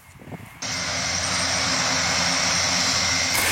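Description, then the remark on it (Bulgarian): A firefighting propeller aircraft's engine suddenly roars up after a brief quieter moment, then holds a loud, steady, droning hum with a high whine on top, with no talking. “Промяната в климата и честите пожари направиха търсенето на специализирани самолети много голямо.”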